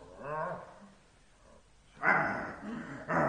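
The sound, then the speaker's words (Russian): A dog named Palma lets out a low, drawn-out growling bark, then after a short pause two loud, harsh barks in quick succession. “Уберите собаку, а то я за нее боюсь.”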